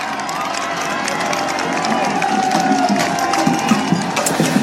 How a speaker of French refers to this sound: Et c'est essentiel pour rester dans sa course et tenter d'occulter les cris des spectateurs, même si cela n'est pas toujours facile.